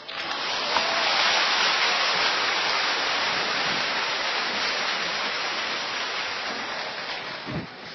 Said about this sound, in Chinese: 按照传统，听到如此热烈的掌声是肯定要加演的，而且我们准备了。